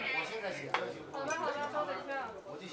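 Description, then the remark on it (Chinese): Beer glasses clink together once in a toast, a sharp, bright knock, surrounded by lively overlapping voices and restaurant bustle. “来，干杯！ 干杯！ 干杯！”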